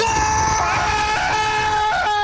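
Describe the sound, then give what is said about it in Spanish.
A person imitates a man with a cold stepping into an ice-cold shower at 5 in the morning, letting out a long, loud, strained scream, sustained and wavering in pitch for a couple of seconds. “Panita dice que a las 5 de la mañana, el panita que está enfermo, resfriado, ingresa a la ducha y en la tranquilidad de la madrugada, los vecinos de ese individuo van a escuchar un grito así como...”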